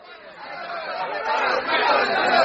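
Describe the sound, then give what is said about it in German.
A dense crowd of many voices shouting and clamoring together outside a house at night, a continuous loud babble that swells steadily louder over a couple of seconds with no single voice standing out. “Da stand er nun in der dunklen Nacht inmitten der schreienden Menge unter diesen Mördern und Bösewichten und sprach ganz ruhig und besonnen auf sie ein.”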